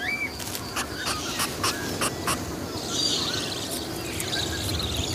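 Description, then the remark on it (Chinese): Budgerigar chicks in tree hollows in central Australia beg for food with a run of short, raspy, wheezing bursts, then a denser high-pitched chattering chorus, all over a steady hiss of background noise. “澳大利亚中部的树洞里，栖息着无数嗷嗷待哺的虎皮鹦鹉雏鸟。”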